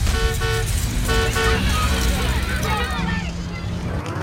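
A bus horn honks twice in short bursts as the bus engine is started, over a steady, loud low engine rumble, followed by warbling, swooping tones as the motor keeps running.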